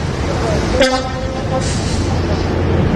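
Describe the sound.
Steady railway station ambience at the railway station in Sliven, where a train wagon detached from the train stands under police guard, with a constant rumbling hiss, a short tonal horn-like blast early on, and indistinct voices faintly in the background.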